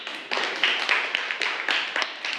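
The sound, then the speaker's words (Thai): A group claps together for a representative who has just presented, in a steady, dense patter that holds at an even, fairly loud level for a couple of seconds, with a few sharper claps standing out; no one speaks. “ค่ะขอเสียงปรบมือให้กับตัวแทนด้วยค่ะ”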